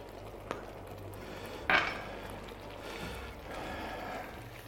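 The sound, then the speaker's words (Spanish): Cheese being added and stirred into a simmering cream sauce to thicken it: a soft sizzle and bubbling hiss, with a sharp utensil clink against the pan and a fainter tap earlier, quiet, no voices. “Claro, yo ahora le echo el queso aquí y el queso también hace lo suyo.”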